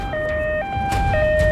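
An ambulance siren blares in a steady two-tone hi-lo pattern as the ambulance moves quickly through traffic, over the low rumble of morning rush-hour traffic at 8 a.m. on Beijing's Fifth Ring Road.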